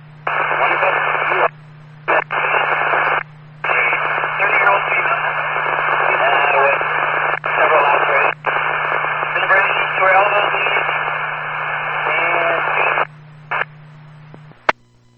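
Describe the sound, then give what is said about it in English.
Police radio transmission reporting one in custody for DUI: a tinny, narrowband voice crackling with static comes through in several bursts separated by short silent breaks, over a steady low hum, loud. “911, one in custody, DUI, the rest was static.”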